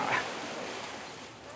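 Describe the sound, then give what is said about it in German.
A polar bear dives headfirst into water with a splash, followed by a steady rushing, churning wash of water that fills the rest of the moment. “Ja, machen wir einen Köpper? Machen einen feinen Köpper?”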